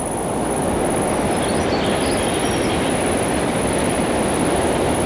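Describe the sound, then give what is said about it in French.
A thin, high-pitched insect buzz drones steadily throughout, sitting above a dense, constant low rumbling wash of noise in the Lozère landscape, on a little-used forest track; no one speaks. “Le son aigu de l'insecte.”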